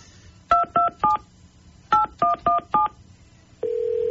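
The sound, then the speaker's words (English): A phone number is dialed on a keypad just after 6 o'clock in the morning: seven crisp touch-tone beeps, a quick group of three then four, followed by a steady held tone. Clear, with no talking. “And, well, I can think of nothing better to do than to call her right now, just after 6 o'clock in the morning, and congratulate her on her vacation.”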